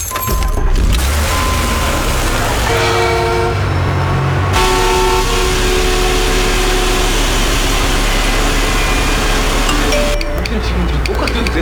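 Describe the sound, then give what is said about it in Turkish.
Loud, dense road traffic with a steady engine rumble and repeated car horns honking over it, continuous throughout, with some indistinct voices mixed into the din. “Başka bir yol bul, trafik olmayan.”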